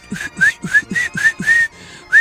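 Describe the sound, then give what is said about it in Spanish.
A person tries to whistle in a quick series of about eight short, breathy chirps, each a thin rising tone mixed with puffs of air, fairly loud. “Y luego un chiflidito. Yo no sé chiflar”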